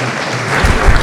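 Dense, steady audience applause fills the second, a broad crackle of many hands clapping that swells slightly louder toward the end, with no voices heard over it.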